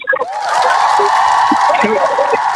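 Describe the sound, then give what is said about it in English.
A loud, continuous burst of crowd cheering with whoops over a dense wash of applause, holding steady for a couple of seconds without letting up. “The crowd's gone wild.”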